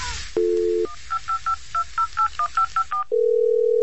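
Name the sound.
telephone dialing tones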